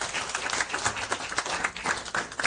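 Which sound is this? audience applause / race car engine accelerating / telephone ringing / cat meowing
audience applause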